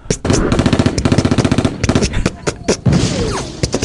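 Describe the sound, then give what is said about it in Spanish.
A loud, rapid string of sharp pops crackles almost nonstop, like kernels bursting in quick succession, with a voice faintly mixed in underneath. “Habemos unos un poco más sanos, que somos como palomitas, que vamos así en mini explosiones.”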